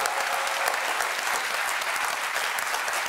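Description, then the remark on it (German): Steady audience applause in tribute to the Frankfurt Zoo fills the whole few seconds, a dense, even patter of many hands clapping at a consistent moderate loudness with no voices on top. “Ich denke, Frankfurter Zoo ist eine extra Applaus wert.”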